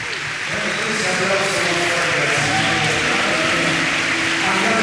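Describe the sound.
An audience applauds steadily for about five seconds, a dense and sustained wash of clapping with voices and cheers mixed in underneath.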